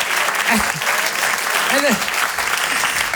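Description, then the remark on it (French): Steady, dense applause from an audience fills the whole stretch, a loud even crackle of many hands, with a few brief voices calling out over it. “On peut l'applaudir quand même, parce que depuis le début.”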